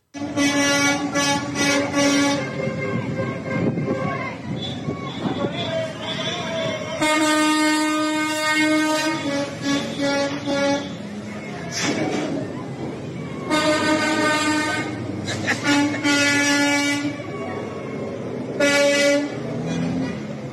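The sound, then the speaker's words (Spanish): Tractor-trailer air horns honk in loud, drawn-out blasts as truck drivers sound their horns at teachers, several trucks sounding off in overlapping bursts with short pauses between, over a steady background of street noise. “Bueno, pues así se vivía el momento de que, como escuchabas, pues ahí los traileros sonándole el claxon a los maestros de la coordinadora.”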